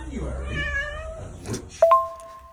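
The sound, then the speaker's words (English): Teddy the cat meows twice, a drawn-out wavering meow followed by a sharper, higher one, with a faint background murmur. “and Teddy the cat, fabulous”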